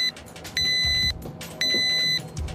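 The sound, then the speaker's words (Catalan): Two long electronic beeps from a microwave oven signalling it has finished heating a dish, each about half a second, steady and high-pitched with a buzzy edge, separated by a short pause over a low background rumble. “Efectivament, parlem del so que fa el microones quan ha acabat d'escalfar-nos el plat.”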